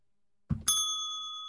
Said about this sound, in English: And the chat room says something, and now it's time for me to hit a soundboard cue, like the bell.